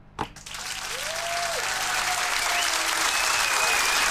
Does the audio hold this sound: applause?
yes